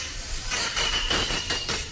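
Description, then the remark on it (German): A dentist's drill in the dental practice beneath the Schlagerradio studio whines at a thin, steady high pitch over a dense grinding rumble that pulses in quick, uneven surges, fairly loud throughout with no voices. “So, das klingt wie das die Baustelle Geräusch? Hier vom Studio. Das ist unter uns der Zahnarzt.”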